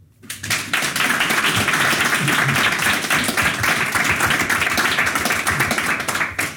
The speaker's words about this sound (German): Der Applaus gilt natürlich nicht nur für mich und nicht nur für Sie, sondern auch für meine Gäste, die hier gerade neben mir sitzen.